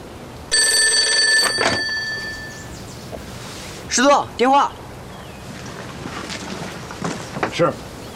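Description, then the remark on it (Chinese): An old-style telephone bell rings loudly in one burst of about a second, a call for the division commander, followed by a brief exchange of voices over a steady, windy background hiss. “师座，电话。”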